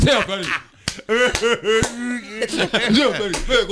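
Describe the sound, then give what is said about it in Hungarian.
A hand slaps a forehead in a few sharp, quick smacks, each a short flat crack, heard between and under lively talking. “Tud tapsolni? Igen, a homlokán egy kézzel, de tud.”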